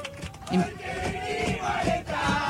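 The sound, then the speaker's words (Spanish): A crowd of people shouting and chanting together inside an airplane cabin, a loud, dense mass of overlapping voices with rhythmic, sung swells throughout. “Esto es adentro del avión. Y empiezan a gritar y empiezan a cantar.”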